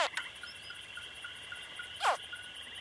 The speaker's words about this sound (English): After 3 months, the crocodile babies are finally hatching from their eggs. The mother has hidden the nest underneath a mound of plant remains. Once they are fully developed inside their eggs, the baby crocs begin to chirp.